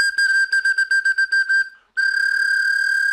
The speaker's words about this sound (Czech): Pak jsou tady i úplně jednoduché píšťalky.